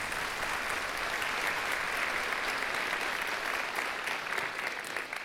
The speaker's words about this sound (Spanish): Así que quiero partir agradeciendo eso y darles un aplauso para ustedes de agradecimiento por estar acá presente en esta actividad. Muchas gracias por venir y acompañarnos.